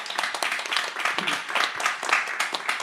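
A round of applause: many hands clapping at once in a dense, steady crackle that holds at a fairly even loudness for about three seconds, with no one speaking over it.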